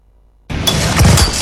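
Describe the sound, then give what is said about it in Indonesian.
After a moment of silence, an old motorcycle engine abruptly sputters to life, running rough and noisy with a low rumble and uneven knocks as it struggles and stalls, breaking down again. “Duh, kenapa mogok lagi sih ini motor?”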